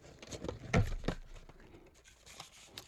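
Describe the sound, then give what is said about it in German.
Rustling and crinkling of paper scraps and odds and ends being rummaged in a small box from an opened package, with a few louder scrunching bursts early on, then softer irregular shuffling and light taps, no voices. “Nein, kein Mikrofon, nur ganz viel Krimskrams, irgendwie Papierschnipsel und sowas.”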